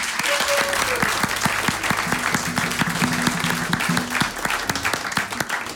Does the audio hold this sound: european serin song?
no